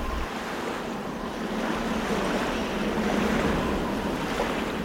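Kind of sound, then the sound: nature, sea breeze and waves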